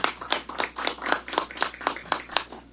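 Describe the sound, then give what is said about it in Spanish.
An audience at an inauguration ceremony claps in a steady, even rhythm, about eleven crisp beats in under three seconds, moderately loud and with no voices over it, for a councillor of the Municipality of Villavista about to speak. “Palmas, por favor, también.”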